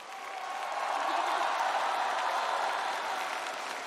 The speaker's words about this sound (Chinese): 所以在我们接下来马上开出优秀女演员奖的时候，我建议我们现场的朋友们，尤其是热情的我们好客山东烟台的朋友们，为我们这些优秀的女演员们响起掌声，给他们加油，给他们呐喊。